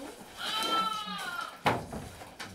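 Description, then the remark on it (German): A hungry lamb waiting to be fed lets out a drawn-out, wavering bleat with a high, quavering tone, followed by a sharp clatter and a few shorter rustling noises. “Schäfchen schreit schon, guck, hat schon Hunger.”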